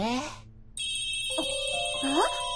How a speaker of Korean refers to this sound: 티니핑 알람이야.